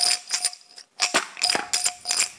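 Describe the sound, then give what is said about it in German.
An old jam jar filled with small glass shards, lid on, is shaken by hand in quick, rhythmic bursts, producing bright clinking rattles with a faint glassy ring between shakes. “Ist doch eine super Glasrassel.”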